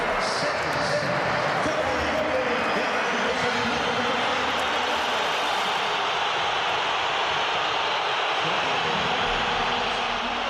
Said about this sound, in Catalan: Durant el partit, i amb l'1-1 al marcador, Simeone ha fet entrar Julián Álvarez i l'afició ha respost amb una esbroncada pel jugador.